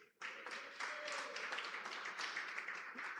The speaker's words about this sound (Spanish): ¿Alguien que me lo diga? Las credenciales de un ministro. Muy bien, dese un aplauso.